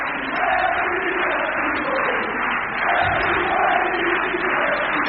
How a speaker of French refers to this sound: Écoutez le public, l'ovation du public.